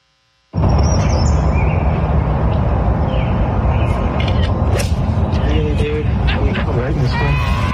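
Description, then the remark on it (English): Loud chirping birds outdoors, recorded on a cell phone, scattered high tweets and calls rising over a dense, steady wash of background noise and indistinct murmuring that starts abruptly and continues throughout. “The birds are pretty loud and chirpy”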